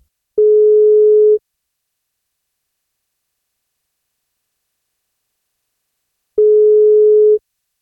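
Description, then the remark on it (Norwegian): Two steady, clear telephone ringback tones, each lasting about a second, separated by a long silent pause of several seconds, as heard while an outgoing call to a woman on her 43rd birthday waits to be answered. No voices. “Vi plukker opp telefonen og ser om vi får tak”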